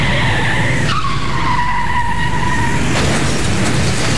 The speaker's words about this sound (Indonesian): nanti mobilku rusak ditubruk mobil lain gimana coba?